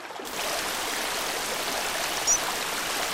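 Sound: rushing stream water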